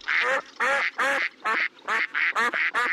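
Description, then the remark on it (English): A duck quacks loudly, about seven nasal quacks in a quick, steady rhythm with short gaps between them, no other sounds around. “The Ducks are coming.”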